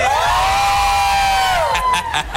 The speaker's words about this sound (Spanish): Ya estamos de regreso, Exalovers, completamente en vivo desde el Estadio Revolución. Y el grito de la gente.